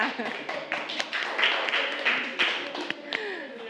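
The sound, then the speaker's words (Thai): A class applauds Group 3 at the teacher's prompt, with many overlapping hand claps, a dense, steady patter of sharp taps lasting a few seconds, with murmured voices beneath. “เศรษฐกิจพอเพียงโอเคอ่ะปรบมือให้กลุ่ม3ค่ะ”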